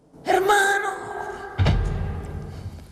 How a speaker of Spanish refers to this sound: se ha dejado caer en la silla. No pretendía recrear también la caída, ¿no?